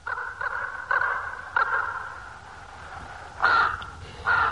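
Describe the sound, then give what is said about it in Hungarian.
A bird calls repeatedly with harsh, crow-like caws, several rasping bursts at uneven intervals, loud, with no talking. “Vajon meddig tart egy láb? És meddig egy ilyen madár?”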